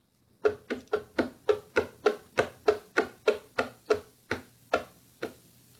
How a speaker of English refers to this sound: Sorry, it's dog feet. So just saw a dog walking on wood floors. Okay, dog walking on wood floors. Go.